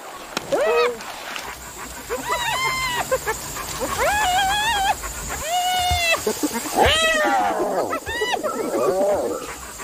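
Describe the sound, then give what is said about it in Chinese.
African wild dogs give a run of high, chirping, whine-like calls, several overlapping bursts rising and falling in pitch, moderately loud over a steady outdoor hiss. “这是猎狗”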